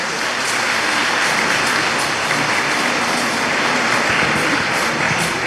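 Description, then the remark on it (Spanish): An audience applauds God and the Virgin Mary loudly and steadily, a dense wash of clapping hands that holds at an even level for several seconds without any voices. “Un aplauso fuerte a Dios, a la Virgen María.”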